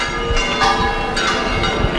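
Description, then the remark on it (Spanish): The four church bells of the bell gable at El Rocío ring loudly, clanging in quick, overlapping strikes that blend into a dense, continuous metallic peal with a low rumble of noise underneath, announcing that the procession of the Virgin of El Rocío has begun. “Las cuatro campanas de la espadaña del Rocío, las que están sobre esos azulejos en el que se representa a la Virgen rodeada de los apóstoles, que es la iconografía de Pentecostés, están anunciando que la procesión de la Virgen del Rocío ha comenzado”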